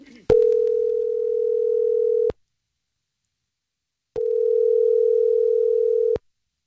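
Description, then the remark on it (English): A phone line rings on an outgoing call: two long, steady electronic ring tones, each about two seconds, separated by a pause of silence. No one speaks. “we're about to call his date Emily and just try to figure out why she's ghosted”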